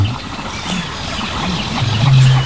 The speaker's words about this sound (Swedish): Men vi hör, ja, en ny art faktiskt, skäggdopping. Ja, just det. Det är lite sträva. Precis. Skällandet.